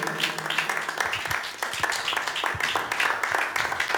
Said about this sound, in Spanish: Amén, hermanos, démosle palmas. Si estamos entendiendo, aleluya.